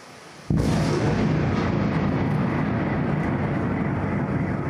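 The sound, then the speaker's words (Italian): A sudden, loud onset of explosions from Iskander missiles striking Kyiv at night breaks into a continuous heavy roar that rumbles on steadily for several seconds, powerful, with no voices. “Venti missili Iskander in meno di 30 minuti, poi una raffica di esplosioni e a Kiev è di nuovo terrore.”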